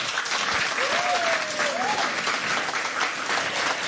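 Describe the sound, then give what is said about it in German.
A studio audience applauds steadily and loudly, a dense wash of clapping that fills the whole moment, with a brief whistle or cheer rising through it early on. “Und das alles wie immer unter den Augen eines sehr sympathischen und interessierten Publikums, das auch sehr interessanten Beifall machen kann.”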